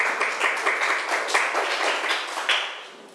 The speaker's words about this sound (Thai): ใครอยากจะออกมาเป็นคนแรกเลยเชิญค่ะปรบมือให้เพื่อนหน่อย